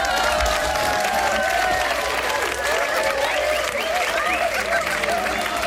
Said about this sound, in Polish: Mamy brawa i oklaski dla dzielnej ekipy.